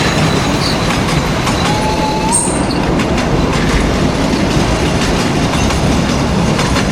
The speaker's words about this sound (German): Na genau, so hört sich das an, wenn ein alter Zug über die Gleise tuckert.